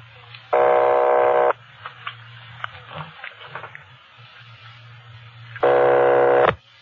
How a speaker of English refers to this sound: Keep ringing, 761. They're ringing the number, Sergeant.